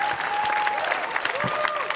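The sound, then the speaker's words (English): Steady audience applause for Eddie Huang after his conversation with W. Kamau Bell at the Sydney Goldstein Theater in San Francisco on June 24, 2026: a dense crackle of many hands clapping at once, holding fairly loud and even throughout, with a faint tonal whistle or cheer drifting over it. “Give it up for Eddie Huang, everybody.”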